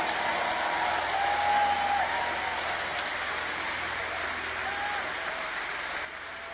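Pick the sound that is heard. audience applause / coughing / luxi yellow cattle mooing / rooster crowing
audience applause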